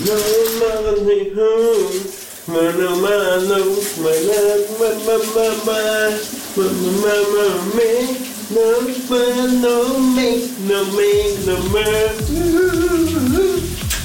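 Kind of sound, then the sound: household object, man singing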